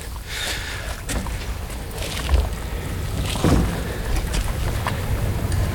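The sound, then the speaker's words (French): Steady light wind blows outdoors beside water, a soft continuous rush with low rumbling buffets and a couple of brief knocks, with no voices heard. “Il y a un peu de vent.”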